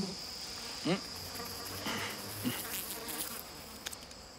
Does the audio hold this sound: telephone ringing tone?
no